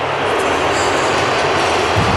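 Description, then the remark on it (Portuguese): A large stadium crowd, mostly Colombian fans, roars and whistles as Portugal's national football team enters the field at Hard Rock Stadium in Miami: a dense, unbroken wash of noise, with shrill whistles rising faintly above the din and no pause throughout. “Entra agora a seleção portuguesa, e agora sim uma assobiadela. Uma assobiadela para Portugal.”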